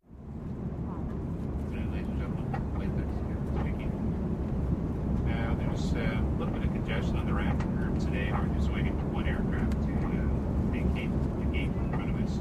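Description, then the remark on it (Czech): Steady, loud low roar of an airplane cabin in flight, a constant engine drone with faint murmuring voices and small clinks scattered over it throughout. “Příběhy jsou tak laděné i do tematického prostředí, jako je doma či v letadle.”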